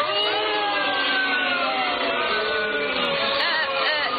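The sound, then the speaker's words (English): A large baseball stadium crowd boos loudly and steadily as the umpires come out onto the field, many voices blending into a sustained, droning roar of low, sliding tones that holds for several seconds without a break. “what are they booing about? Oh, the umpires are coming out on the field.”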